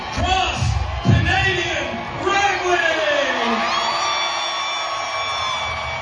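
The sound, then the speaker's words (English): A large crowd cheers loudly with scattered whoops and shouts, a sustained roar of voices with rising yells throughout, energetic. “Have that excitement, to have that kind of crowd, I mean, it's going to do nothing but pour gasoline on any kind of creative force, I think,”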